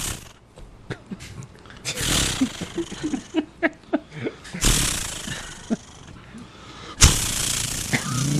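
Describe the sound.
A voice imitates a chainsaw: a few sputtering pull-start bursts, then loud, rough buzzing roars in long sustained stretches, like the saw revving and cutting.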